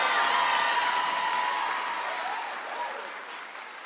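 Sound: audience clapping hands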